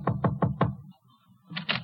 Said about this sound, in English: It came that very week, the knock on the door.